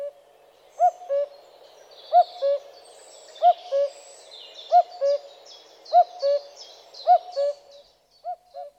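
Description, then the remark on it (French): A common cuckoo repeats its two-note song about seven times in a steady, unhurried rhythm, clear, while fainter chirps of other birds flutter in the background. “Nous écoutons le coucou gris.”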